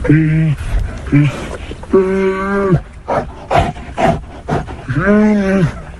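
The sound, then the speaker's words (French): Two bears in a metal cage in South Korea cry out in distress as veterinarians approach: loud wailing calls that rise and fall in pitch, repeated about four times, with rough grunts and clatter in between, as they circle and throw water from their bowl. “Les deux bêtes tournent, crient, tentent d'effrayer les vétérinaires et leur jettent l'eau de leur gamelle.”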